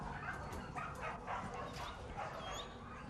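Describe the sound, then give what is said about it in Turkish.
A crowd of dogs at an animal shelter barks, yips and whimpers all at once in a dense, nonstop chorus, with no break in the noise. “Nedir burası? Hayvan barını.”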